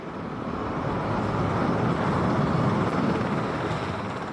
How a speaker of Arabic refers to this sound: مشاهدينا، ونتابع الآن هذه الصور مباشرة لمغادرة طائرة رئيس الأمريكي دونالد ترامب العاصمة واشنطن باتجاه الصين.